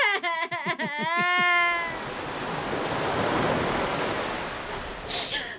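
Ocean waves wash steadily onto the shore in a broad, continuous rush after a few quick, high wailing calls at the start. The surf stays fairly even, with no talking.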